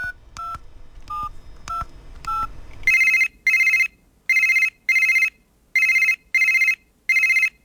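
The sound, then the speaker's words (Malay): A short burst of phone keypad dialing tones, then a repeating electronic ringback tone pulsing in regular paired bursts, loud, with no one talking, as a phone call is placed to a food business owner from Warung 35 in Shah Alam. “Ha, di hujung talian telefon sekarang ini, kita ada seorang pengusaha yang hebat,”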